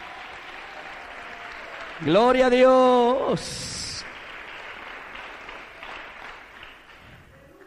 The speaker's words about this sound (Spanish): Dele un aplauso al Señor con todo su corazón, pero bien fuerte. Aleluya.